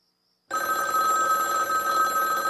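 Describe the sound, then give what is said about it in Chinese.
After a brief silence, a telephone bell in the downstairs hall of a house, heard from upstairs just after 10:15 on a Friday night, suddenly starts ringing, loud, a bright metallic trill that carries on steadily without pause to the end. “刚到楼上，楼下大厅里的电话铃就猛地响了起来。”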